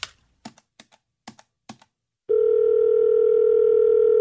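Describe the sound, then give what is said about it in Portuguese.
A handful of quick, crisp button presses like dialing a phone keypad to place a call, then a steady, loud telephone dial tone hums on continuously until the end, with no voices. “E eu sei para quem que eu vou ligar.”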